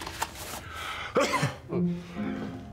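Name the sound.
sneeze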